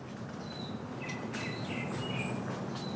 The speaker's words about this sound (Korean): 이 터널이 그 유명한 동백 터널입니다. 겨울부터 이른 봄까지 붉은 동백꽃으로 넘실거리는 곳. 여름이면 우거진 숲에서 새소리 따라 길을 걷는답니다.